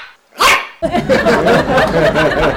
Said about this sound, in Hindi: पाजी मैंने बाहर देखा, ओए होए, एक छोटा सा चिब्बा सा कुत्ता जो टीवी में ऐड करता है, पाजी वो भौंक रहा था, और भौंक ऐसे रहा था जैसे सोन जुकाम छींके मारता है।